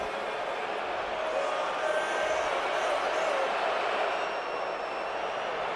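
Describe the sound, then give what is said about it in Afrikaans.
A large stadium crowd at a rugby match involving South Africa roars and cheers in a dense, continuous wash of noise that holds steady in loudness for several seconds, with no single voice standing out. “En weer eens is dit die skare wat laat hoor van hulself.”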